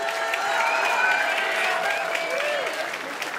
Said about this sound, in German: Das ist euer Applaus.